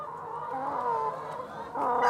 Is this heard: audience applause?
no